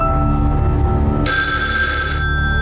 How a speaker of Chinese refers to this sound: 您的电话响。